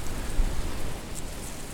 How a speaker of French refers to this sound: C'est la puissance de ce vent d'automne.